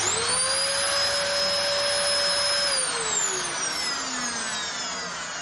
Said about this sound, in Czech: Vysavač.